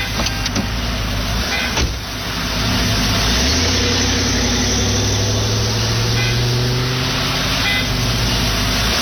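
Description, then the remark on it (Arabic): A Chevrolet car engine runs steadily, its low rumble rising in pitch partway through as it revs, with faint mechanical clicks early on and no one speaking. “يا عمي سيارة شفرة هادي، نار نيالة.”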